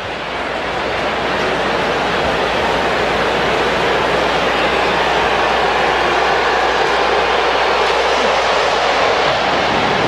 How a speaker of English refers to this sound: Here comes another one. That plane was moving. It could be loud here when those planes buzz us. We got a lot of that yesterday, the day before.